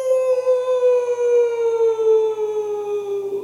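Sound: howling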